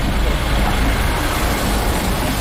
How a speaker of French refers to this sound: Il y a des gyrophares dans la rue des Étapes Claudiennes. Pas loin de la place Chardonnay ou autour de la place Chardonnay, je vais avancer. Il y a trois camions de CRS.